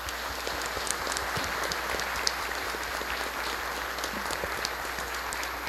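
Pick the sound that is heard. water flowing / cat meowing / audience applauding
audience applauding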